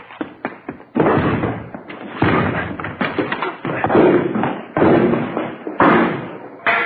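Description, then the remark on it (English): Police officers force a door open with a rapid series of heavy, booming thuds and bangs: a few sharp knocks first, then repeated loud impacts and crashes with a rough, splintering texture. “Hit the door.”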